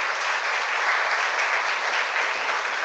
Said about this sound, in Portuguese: Então, vocês, coroinhas, fiquem de pé, os coroinhas, e vocês vão num gesto de gratidão agradecer aos tios e tias que cuidam de vocês. Uma salva de palmas para eles, a equipe aqui.